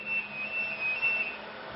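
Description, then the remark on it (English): A dense, unbroken roar of machinery and cooling fans of Archer 2, the UK's national supercomputer, with a thin high-pitched whine riding on top and a low steady hum underneath; no voices. “As we stepped through the door, a wall of noise and heat hit us.”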